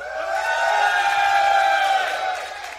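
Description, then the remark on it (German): A large festival crowd on the meadows and at the cinemas cheers and shouts in a sustained roar, many voices blending into a loud, steady wall of whoops that swells and then slowly fades toward the end. “So, alle da hinten auf den Wiesen und den Kinos. Also hier ist der Bär los.”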